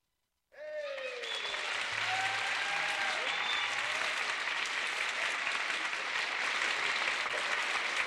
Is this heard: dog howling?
no